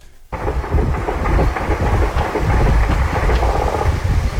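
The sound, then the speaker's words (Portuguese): A loud, continuous roar of several helicopters starts abruptly and fills the whole stretch, with a few sharp gunshot cracks breaking through the dense low rumble, during a morning operation in communities of the south zone of Rio de Janeiro. “Foi com esse som de vários helicópteros e disparos que a população do Rio de Janeiro acordou novamente.”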